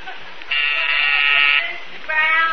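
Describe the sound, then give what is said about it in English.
A harsh electric office intercom buzzer, signalled with a button from a secretary's office, drones loudly and steadily for over a second, eases off, then buzzes again at the end, with no talking. “You put the button in her office and the buzzer in here in yours.”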